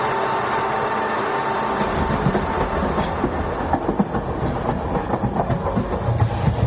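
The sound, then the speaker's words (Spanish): The Alvia train 2384 Madrid-Huelva, carrying 191 passengers, pulls out of Puerta de Atocha station in Madrid, its steady low rumble building as wheels begin a faint clattering rhythm over the rails, with a high metallic hum running above throughout. “De la estación Puerta de Atocha sale el tren Alvia 2384 Madrid-Huelva con 191 pasajeros.”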